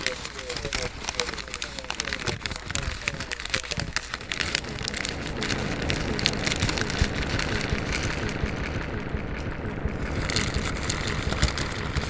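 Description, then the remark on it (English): Fast-food paper bags, including a Taco Bell bag, are crumpled together in a dense, continuous crackle of crinkling for about twelve seconds, steady and fairly loud with rapid, irregular rustles. “You do it, and then I'll crumple my own Taco Bell bag”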